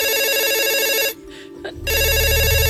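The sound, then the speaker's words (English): A house telephone rings with a bright, warbling electronic trill, two bursts separated by a short silent gap, loud, as heard down the line while a call connects. “So I know he's got a house phone because he's got to walk all the way to the kitchen.”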